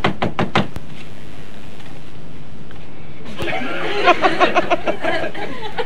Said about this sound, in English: I'm going to knock at the door now.